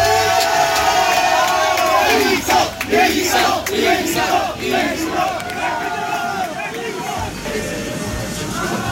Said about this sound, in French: Moi j'étais vraiment du coup au milieu de cette marée humaine avec ces dizaines de supporters réunis à Barcelone pour chanter pour Del Toro, qui était presque en vrai un petit peu intimidé.